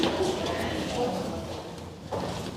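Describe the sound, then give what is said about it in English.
A door swings open amid steady background noise, with a muffled knock or thud near the end as people pass through the arts and sciences door; voices murmur faintly underneath. “Should we go through the arts and sciences door?”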